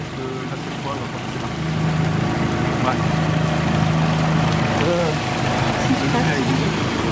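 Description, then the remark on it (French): A car engine drones and strains steadily, its low hum rising slightly in pitch, as the car, driven onto a damaged road, sits with one tyre stuck in a hole, over a constant rushing outdoor background. “Ah ben il y a une voiture qui s'est engagée dans la route déforcée et elle a un pneu dans un trou.”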